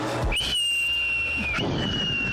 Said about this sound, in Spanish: Ajá. Ahí están los originales, cohetes, papá. Los cohetes originales. Gloria a Dios. Escucha, pero ahí se le acabó la pólvora, Dios mío.